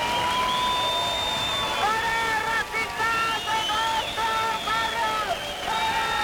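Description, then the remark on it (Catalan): A loud crowd of antifascist protesters in Plaça Sant Jaume, Barcelona, shouts and chants together at members of a supremacist group, with cries of "no passaran" and "fora feixistes dels nostres barris", in sustained, rising-and-falling cries over a dense, continuous roar of many voices with no pauses. “Una hora més tard han arribat els membres del grup supremacista, que han estat escridassats pels antifeixistes, amb crits de no passaran o fora feixistes dels nostres barris.”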